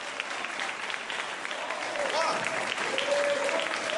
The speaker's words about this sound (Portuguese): Amém, igreja? Olha as palmas.